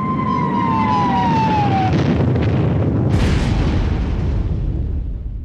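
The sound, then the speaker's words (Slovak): A descending whistle fades into a thick, roaring rumble, then a sharp explosion bursts out around the middle, leaving heavy crackling destruction noise rolling on as a ceiling and then side walls collapse. No one speaks. “V tej chvíli ich úplne ohlušil výbuch.”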